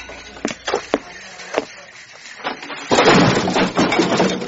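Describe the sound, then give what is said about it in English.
A few sharp knocks and creaks, then a heavy door falls off its hinges and comes crashing down with a loud, sustained clatter that rattles on for over a second, with no voices. “Did you see that? The door fell off.”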